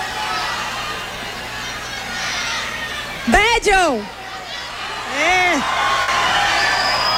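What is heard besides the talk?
crowd shouting and cheering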